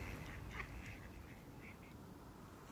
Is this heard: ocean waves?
no